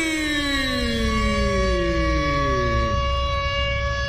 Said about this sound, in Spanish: Póngame la sirena porque llegó, ya está aquí.